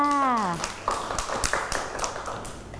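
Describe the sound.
A voice trails off, then a group of children claps hands in a scattered, uneven burst of sharp slaps that keeps going for a couple of seconds at moderate loudness.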